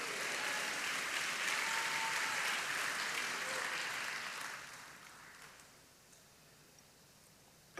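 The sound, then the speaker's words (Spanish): An audience at a church service claps for the Lord in sustained, dense applause that carries for several seconds, then gradually fades out into quiet with a faint tap at the end. “Dele palmas al Señor.”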